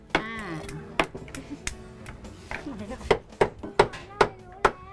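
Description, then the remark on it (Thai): A Thai dessert mold, packed with a pressed dessert like khanom sampanni, is tapped at a tilt against a surface to release it, in sharp knocks, scattered at first, then a quicker, steady run of about five taps near the end, with voices talking briefly early on. “รมแล้วก็ต้องเคาะแน่เลยใช่ไหม”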